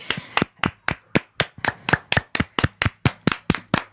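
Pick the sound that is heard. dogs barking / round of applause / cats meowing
round of applause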